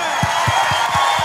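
A large crowd claps and cheers loudly in a dense, continuous roar, with a steady low thumping beat pulsing underneath about four times a second.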